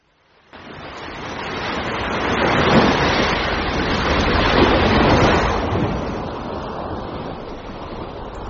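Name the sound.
ocean waves and surf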